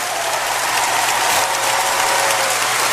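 A crowd claps steadily for the whole stretch, a dense, loud wash of many hands applauding Christ together with no break and no voices standing out.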